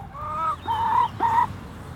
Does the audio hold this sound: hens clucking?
yes